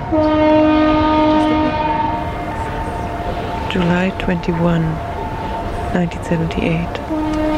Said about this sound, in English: It's a very foggy day in Vancouver. It's a calm morning. October I'm on 18th. Kitts Beach in Vancouver. It's slightly 11:25 and very mild for January. I'm at Brockton Point. That's the Brockton Point foghorn.